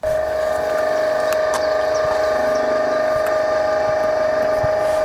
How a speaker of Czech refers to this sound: otvírá spodní výpust přehrady Pastviny. Do Divoké Orlice tak pouští dvakrát víc vody, než kolik jí do nádrže přitéká.